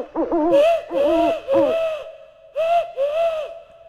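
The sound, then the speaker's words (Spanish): A person's voice mimics an owl, giving five fairly loud hooting calls: three in quick succession, a short pause, then two more. “Este es el búho.”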